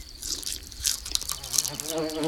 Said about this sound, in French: Oh, une mouche. La mouche tourne autour de la tartine de pain.